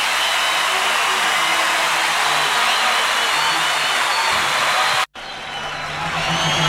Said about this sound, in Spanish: ¡Fuerte ese aplauso!